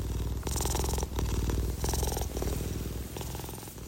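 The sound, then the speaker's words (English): A cat purrs into a microphone, a continuous low rumbling throb that swells in rhythmic pulses with each breath in and out, loud and intimate with no voices. “I just had the cat purr into the microphone.”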